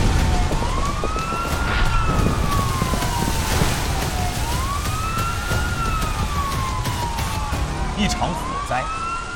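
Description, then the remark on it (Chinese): A fire engine siren wails in long rising and falling sweeps as the fire engine drives past, repeating every couple of seconds, loud over a steady rumble of street traffic. “每当鸣着警笛的消防车驶过，就意味着又有人身处险境。”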